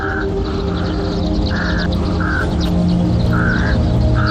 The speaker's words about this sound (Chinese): 秃鼻乌鸦也赶来参加这场饕餮大餐。它们不同于本地其他几种乌鸦，秃鼻乌鸦来自遥远的北方，每年冬天它们结群来到宁夏黄河湿地躲避严冬，开春以后便悄悄离开。